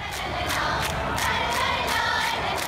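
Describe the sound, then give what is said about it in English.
A large North Korean cheering squad chants in unison, with sharp, evenly spaced beats punctuating a dense, loud wall of massed voices that holds steady throughout. “We have a cheering from the North Korean side. I think this is from the 2018 Winter Games.”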